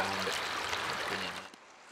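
River water swirls and sloshes steadily as a pan is swirled while panning for gold, a broad hissing wash fading down after about a second and a half. No one speaks.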